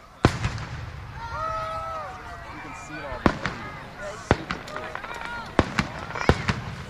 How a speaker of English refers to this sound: A fireworks show Friday night capped off day one of Stars and Stripes Days in Pequot Lakes. Trailside Park sits in the middle of the Crow Wing County city.